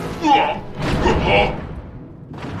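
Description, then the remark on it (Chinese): A rock slams down with a heavy, booming thud, followed by a longer crunching crash of impact and debris, loud, before things briefly settle. “被石头砸中的感觉怎么样？”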